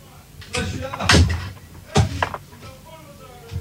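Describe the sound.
A door is shut with a heavy thud, then a second knock-like bang a moment later, while muffled voices murmur in the background.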